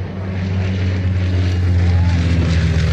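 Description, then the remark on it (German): A steady, loud low-pitched engine drone with strong harmonic hum, like a propeller airplane running at Bremen Airport in Germany, holding constant throughout with a broad rushing noise above it. “So klingt's für viele bald nicht mehr am Bremer Flughafen.”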